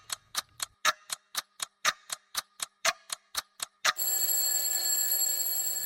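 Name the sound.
clock ticking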